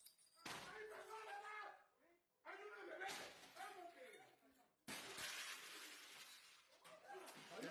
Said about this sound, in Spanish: Se observa a dos sujetos con capuchas y armas largas tirar la puerta del acceso de la vivienda ubicada en el municipio de Nanchital. Esto es al sur del estado de Veracruz, donde se encontraba la también directora del medio digital Impulso.